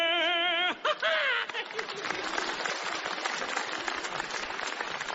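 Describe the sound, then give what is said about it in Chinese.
A brief drawn-out vocal note opens, then a large audience breaks into loud, sustained applause, a dense steady wash of clapping that continues to the end. “大家不要鼓掌了，我知道你为什么唱上来了。”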